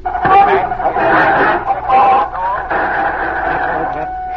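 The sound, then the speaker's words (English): A loud, steady burst of radio jamming interference, warbling tones and hum washing over a garbled, indistinct broadcast voice for a few seconds, caused by a government station transmitting on the same wavelength to block out the broadcast. “That interference was caused by a government station coming on the air on the same wavelength.”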